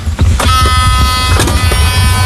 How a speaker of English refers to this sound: Electric car.